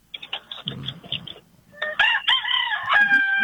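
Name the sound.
rooster crowing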